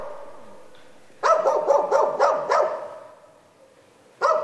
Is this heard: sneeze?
no